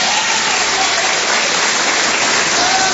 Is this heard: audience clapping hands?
yes